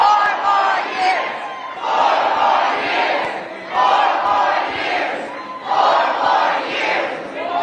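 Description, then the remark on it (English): A large crowd at a campaign appearance for Joe Biden right after a debate chants "four more years" in loud unison, led by his wife, the slogan rising and falling in steady repeated phrases, roughly four rounds, with no single voice standing out. “Leading the crowd in 4 more years, and then she says this.”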